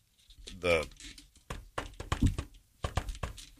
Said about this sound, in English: The musical knock.